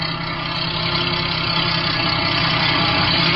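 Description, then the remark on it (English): A tape truck's engine rumbles steadily at idle, fairly loud, with a low, even drone that holds at a constant level throughout and no voices. “That's a tape truck, all right.”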